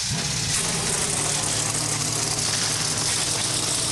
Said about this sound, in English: 37 NASCAR O'Reilly Auto Parts Series cars come to life here at the Iowa Speedway. We're getting closer to the green flag for the Hy-Vee Perks 250 from Iowa Speedway.